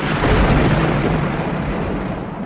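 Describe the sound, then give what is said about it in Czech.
A loud, sustained rumble of thunder from a clear sky rolls through with deep low-end energy, swelling early then slowly easing off without fading away. No voices are heard. “V té chvíli z čistého nebe zařmělo a nad nimi stál pán a vládce hor Krakonoš.”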